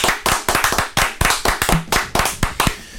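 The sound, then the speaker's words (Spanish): A small group applauds a winner of a cinema poster, with sharp, uneven handclaps overlapping in a quick, steady patter for a few seconds. The claps are fairly loud, and no one speaks. “Se ganó el afiche de cine. Aplausos.”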